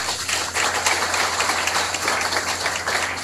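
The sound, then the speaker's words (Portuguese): A steady round of applause from a crowd at a religious novena broadcast on Juventude FM radio, many hands clapping densely and evenly for a few seconds at a fairly loud, constant level, with a low hum underneath and no voices. “A eles a nossa gratidão com uma salva de palmas.”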